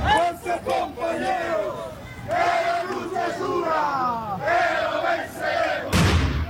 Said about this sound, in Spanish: Con petardos y consignas llegó a La Paz la marcha de protesta de la Central Obrera Boliviana